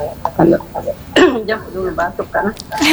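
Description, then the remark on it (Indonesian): A muffled cough, made turned sideways away from the microphone in a studio, breaks out amid ongoing conversation, with people talking before and after it. “Kalau jauh dulu batuk kan.”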